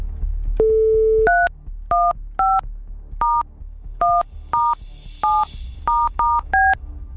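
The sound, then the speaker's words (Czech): A brief steady dial tone, then a rapid run of about ten touch-tone beeps as a phone number is keyed in to place a call, clear with short even gaps and no voices. “Ty už to víš, já to budu vědět, co nevidět, už vidím i telefonní číslo. A jdeme volat.”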